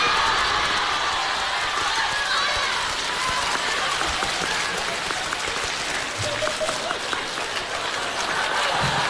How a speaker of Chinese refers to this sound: 掌声不断，节目不断。哎，掌声热烈，给个来个大伙儿来个小绝活啥的、哦。哎，掌声热烈，俩演俩小品啥的，整啊，造啊，香啊。